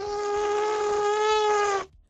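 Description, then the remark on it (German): A person's voice imitates an elephant trumpeting, but it comes out as one thin, steady, nasal whine, more like a buzzing mosquito. It is held for nearly two seconds, then cuts off abruptly. “Ihr Elefant klingt aber eher so ein bisschen nach Mücke, finde ich.”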